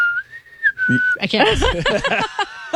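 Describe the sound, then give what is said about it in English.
A person whistles a brief, fairly steady tune of a few held notes for about a second, then voices break in talking over each other. “Where she whistles, she goes...”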